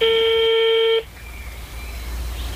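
A single loud, steady telephone tone as an urgent phone call is placed lasts about a second, then cuts off abruptly, leaving only faint low background hum and hiss. No one speaks.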